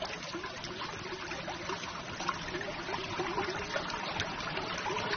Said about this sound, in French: Oh, c'est un petit ruisseau, hein.